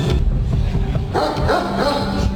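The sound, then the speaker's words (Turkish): Several stray dogs bark repeatedly outdoors in a residential neighbourhood of Sultangazi, Istanbul, the sharp barks overlapping in a noisy, continuous stretch, with faint human voices mixed into the background. “Başıboş köpekler geziyor.”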